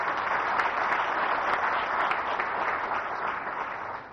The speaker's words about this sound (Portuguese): Por isso queria pedir uma grande salva de palmas para vocês.